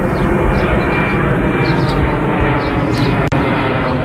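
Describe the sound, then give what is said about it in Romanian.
An F-16 fighter jet roars loudly and steadily, its dense engine rumble filling the whole stretch as it passes by, with a brief dropout near the end. It is one of two F-16s scrambled with an army helicopter in Romania after a drone crossed from Moldova. “Două avioane de vânătoare F-16 și un elicopter al armatei au fost ridicate imediat de la sol.”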